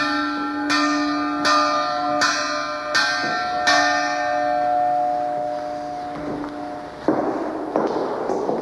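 A large cast bell, made in Banská Štiavnica in the mid-19th century, rings with about six steady strokes, each leaving a rich humming tone that lingers and slowly fades, followed by a few duller knocks near the end.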